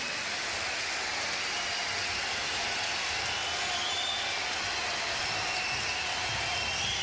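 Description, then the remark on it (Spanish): Sustained applause from a large audience at the closing night of a festival, thanking performers from the island of Chiloé in Chile's tenth region, a dense, steady wash of clapping that holds at an even level for several seconds with no voices over it. “Más fuerte ese aplauso para agradecer todo el talento desde la décima región, desde la isla grande de Chiloé,”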